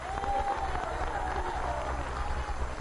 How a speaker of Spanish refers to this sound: Dele un aplauso al Rey, hermano y hermana, si usted lo cree. Si usted se considera un hijo, una hija de Dios. A ver, le va a dar ese aplauso, pero se lo va a dar con toda el alma.